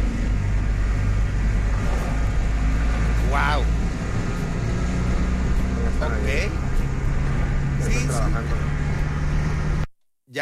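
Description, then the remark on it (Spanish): A car drives steadily through deep water on a flooded street, heading up the Cañón del Matadero toward El Soler, its engine rumble blending with a constant broad rushing wash, while a few short voiced exclamations are heard before the sound cuts off abruptly. “Ya que es un cochinero de mucha agua.”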